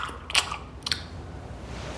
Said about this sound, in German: Unter dem Küchentisch lässt sich der Kobold den gemopsten Schokoladenriegel schmecken. Sein Schmatzen ist nicht zu überhören.